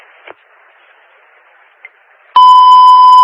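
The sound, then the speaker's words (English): After faint static hiss and two soft clicks, a loud alarm test beep cuts in abruptly: a steady, mid-pitched electronic tone with a buzzy edge that holds without a break to the end. “Testing the alarm.”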